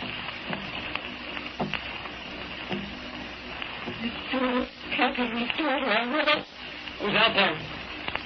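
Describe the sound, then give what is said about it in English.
Rain patters steadily against windows, a dense, hissing crackle that runs the whole time, with a person's voice rising over it in the second half. “But it's just the rain against the windows.”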